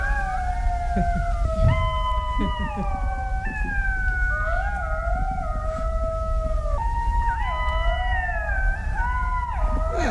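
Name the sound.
golden jackal howling call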